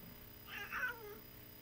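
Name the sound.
cat meowing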